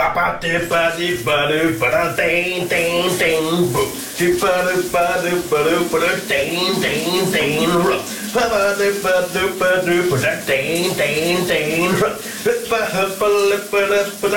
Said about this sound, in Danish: Her på VR Læren, der er der nogle skønsange direkte fra brusekabinen i vores morgenradio med Pernille.